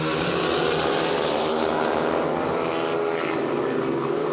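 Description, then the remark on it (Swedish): Loud, continuous roar of speedway motorcycle engines racing in the first heat of Västervik at home against Lejonen at Ljungheden in Västervik, Sweden, a buzzing, high-revving snarl with pitch rising and falling as the bikes run, steady throughout with no voices. “för nu ska det köras speedway”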